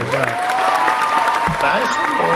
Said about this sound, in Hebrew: תנו לי מחיאות כפיים.